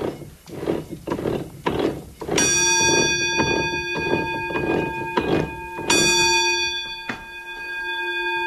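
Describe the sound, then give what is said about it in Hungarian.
The warning bell on a watermill's roller mill, which rings when the mill runs empty, rings out twice with a bright, sustained metallic tone that lingers, over a steady rhythm of wooden knocking and clattering mill machinery. “A malomnak a hengerszékein van egy csengő, ugye, és az, amikor üresen ment a malom, az csengetett.”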